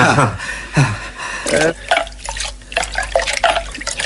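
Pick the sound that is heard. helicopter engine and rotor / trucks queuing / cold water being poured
cold water being poured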